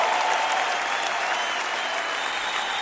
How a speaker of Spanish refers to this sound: aplauso al Señor fuerte. Aleluya.